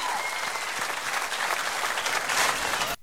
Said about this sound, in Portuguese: Uma salva de palmas, meninas e amigos.